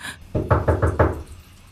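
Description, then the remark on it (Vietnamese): Five firm knocks on a wooden door by someone pleading for it to be opened, in a quick, slightly uneven rhythm, loud, with no voices, fading into quiet afterward. “Louis Alberto à, hãy mở cửa đi mà.”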